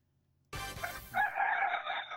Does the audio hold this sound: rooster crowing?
yes